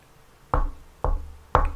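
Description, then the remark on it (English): Three firm knocks on a door, evenly spaced about half a second apart, fairly loud, with a low woody thud to each and nothing else around them. “And you knock on to your door.”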